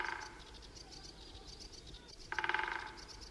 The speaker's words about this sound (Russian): Вот этот дятел стучит, он обычно садится на сухой сучок и выстукивает дрели вот на том дереве у дороги. Я даже знаю этот сучок, я вам сейчас покажу его.